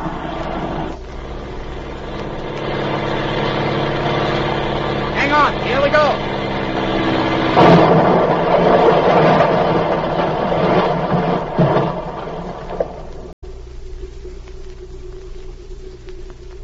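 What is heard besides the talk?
small airplane engine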